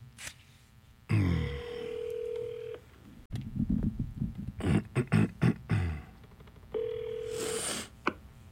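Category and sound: signal or alarm, telephone call ringing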